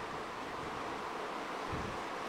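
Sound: rain falling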